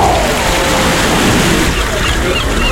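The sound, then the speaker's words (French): Ocean waves wash onto the shore in a steady, continuous roar, a broad hissing surge with no distinct breaks or pauses across the few seconds. “Bien installé, au bord de l'océan, vous savourez le vent du large.”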